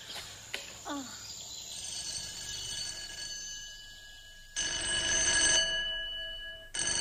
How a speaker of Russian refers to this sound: Вечером в кабинете зоологического института затрещал телефон. Профессор Персиков взъерошил волосы и подошел к аппарату.